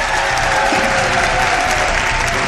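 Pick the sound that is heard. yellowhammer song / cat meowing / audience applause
audience applause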